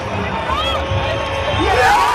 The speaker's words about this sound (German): Großer Jubel? Na, die haben sich nicht die Wiederholung von unserem Sieg gegen Jordanien angeschaut. Das war der Jubel, als Messi gestern den Elfmeter verschossen hat.